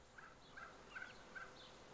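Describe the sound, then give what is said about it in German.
A turkey hen acting as a foster mother in Köhlau, luring her chicks out, gives a series of about four short, soft clucking calls in a steady rhythm, over a quiet outdoor background with no talking. “Und die Amme schafft es jetzt tatsächlich, ihre Kleinen rauszulocken.”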